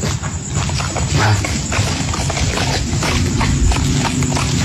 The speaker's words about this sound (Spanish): Y escucho algo ahí feo. Un caballo escucho por aquí. Hey. Un caballo. Escucha. Ah, aquí lo escucho ahora.